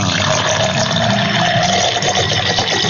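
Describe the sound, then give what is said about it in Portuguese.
Water pours steadily into a glass, a continuous gurgling rush that holds an even loudness for the full three seconds, with no voices present. “Eu vou preparar meu copo com água aqui também, ó.”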